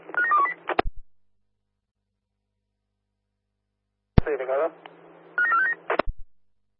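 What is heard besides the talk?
telephone dialing tones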